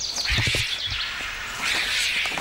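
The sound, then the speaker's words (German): A large Himalayan snow vulture hisses and rasps harshly in two drawn-out bursts in an aggressive display defending its home, with a few soft low thumps near the start, like wings or feet shifting. “ist ein Schneegeier aus dem Himalaya-Gebirge. Wow. Und das ist jetzt richtig aggressives Verhalten.”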